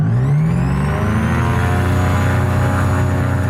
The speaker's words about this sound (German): wir machen die Tube zu und starten den Motor. Beim Führerfahren zur Startpiste rumpelt es recht im Flugzeug. Und ich habe das Gefühl, alles geht auseinander, ist aber nicht so.